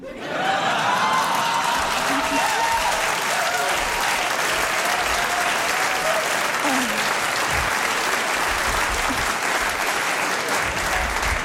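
Sustained, loud applause from a large audience at a queer show, with many men clapping. A dense, steady wash of clapping holds for about ten seconds, with a few faint voices and cheers mixed in.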